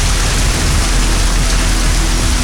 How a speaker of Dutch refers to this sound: Maar kan ook dat je een knopje hebt in je zak waarmee je de regen kan aanzetten.